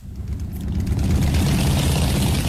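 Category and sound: vehicle, many motorbike engines idling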